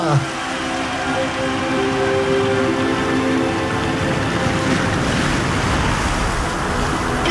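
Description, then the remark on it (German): Sea waves wash steadily against the shore while wind rushes past in gusts, a continuous, fairly loud roar with no pauses and no clear voices. “Ein Windstoß hat sie ins Meer getragen.”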